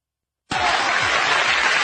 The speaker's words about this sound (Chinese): 大伙一鼓掌啊，我就知道了。 嗯， 都爱听相声， 哎，都喜欢这个。